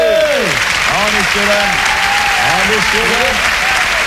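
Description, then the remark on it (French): A crowd applauds steadily for the whole stretch, a dense, even wash of clapping, while voices call and shout over it. “Pas d'applaudissements bourgeois, messieurs dames.”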